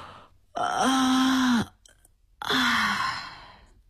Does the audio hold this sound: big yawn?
yes